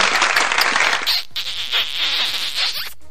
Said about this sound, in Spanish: ¡Aplausos!